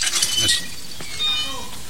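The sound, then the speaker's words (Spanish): In a prison, a jailer unlatches and opens a metal gate for Fernando: a bright clank and rattle of metal, followed by a thin, drawn-out squeal of hinges as it swings. “En la cárcel, Fernando se dirige a la puerta de una verja. Un carcelero le abre.”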